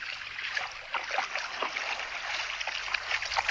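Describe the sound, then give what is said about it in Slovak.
Sea water laps steadily, a continuous wash of soft splashes and gurgles rising and falling without pause. No voices are heard. “Na veľa pobral sa k moru.”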